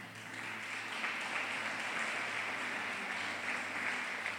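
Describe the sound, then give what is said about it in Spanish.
A church audience applauds during a sermon with steady, dense clapping that holds at an even level for several seconds, a continuous wash of many hands with no voices standing out. “Leamos ese fuerte aplauso.”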